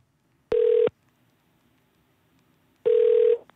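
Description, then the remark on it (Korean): Two ringback tones of an outgoing telephone call ringing on the line during a phone-in quiz, each burst lasting under half a second with a pause of about two seconds between them, clear and steady with no voices. “좋은 기운을 받았으니까 전화 주세요.”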